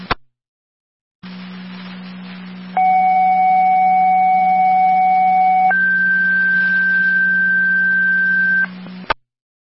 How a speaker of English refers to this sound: Niagara County Fire Control to Tri-Community, second set of tones. EMT requested the help for your automobile accident with Sanborn.